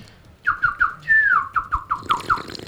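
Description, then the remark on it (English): A person imitates a tui's call: a quick string of short, bright whistled chirps broken by one longer sliding note, then more chirps with faint clicks and squeaks, fairly loud and alone. “Oh, that was a Tui. Okay. Do the Tui.”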